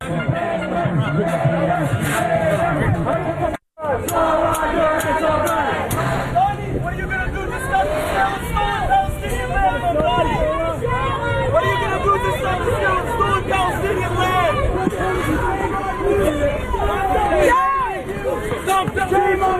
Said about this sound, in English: And then he shows up at what's supposed to be sort of a unity rally in New York. And here is what these pro-Hamas protesters did to him. They started booing and shouting at him.